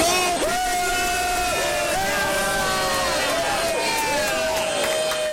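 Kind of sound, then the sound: crowd, fans cheering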